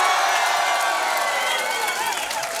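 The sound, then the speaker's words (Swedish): A studio audience in Studio 4 at the Radiohuset in Stockholm cheers and whoops loudly at a live music show, a dense wash of voices with high shouts and some clapping, sustained throughout without a break. “Hur har vi det i publiken här i studion?”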